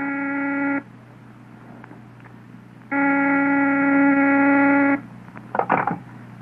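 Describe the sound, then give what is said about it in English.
A telephone rings twice, a short buzzing ring and then a longer one after a pause, loud, followed by a brief clatter. “Mr. Van Dyke is on the phone.”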